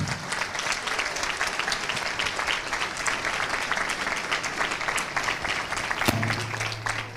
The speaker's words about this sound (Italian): Beh, intanto grazie per l'applauso, grazie per essere qui, cari amici e care amiche di Maria Vision, benvenuti a Maria Vision, benvenuti a Loreto, benvenuti al Concerto per Maria.